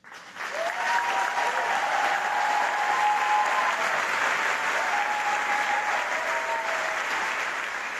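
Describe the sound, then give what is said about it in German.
Sustained theatre audience applause after a performance, a dense steady wash of clapping that holds at an even level for several seconds, with faint whistles or cheers threading through it. “Vom Publikum zumindest gab es viel Zustimmung.”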